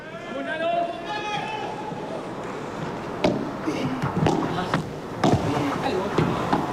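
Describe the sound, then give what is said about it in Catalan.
A padel ball is struck and bounces back and forth in a match rally between Galán, Chingoto and Tapia at la Fonteta, sharp hollow pops at irregular intervals over a murmuring crowd, with a man talking briefly at the start. “Pilota ja en moviment.”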